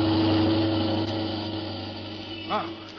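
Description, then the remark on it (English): A car coming up the street and headed right at a person drones with a steady, low rumbling hum that holds for a few seconds and then eases slightly, with a brief wavering voice-like burst near the end. “That car is headed right at you.”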